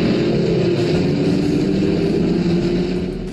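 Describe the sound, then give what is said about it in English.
A car engine from the Disney movie Herbie the Love Bug runs loud, a steady droning rumble with a slight rising pitch as if gently revving, then easing off at the end. No one speaks. “Today is Name Your Car Day. Remember the Disney movie Herbie the Love Bug.”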